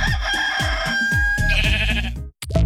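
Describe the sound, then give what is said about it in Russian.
A rooster crows loudly over a run of quick, wavering bleats from a ram, the calls overlapping closely and continuously before breaking off briefly near the end. The sound stands for the ram and rooster put in a balloon gondola as the first air travellers. No one speaks. “Животные отлично перенесли путешествие, правда, петух немного пострадал. На него наступил баран.”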